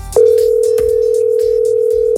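A steady, unbroken telephone tone sounds loud for about two seconds, the ringing signal of an outgoing call to a man's phone, with faint background noise and a few soft clicks beneath it.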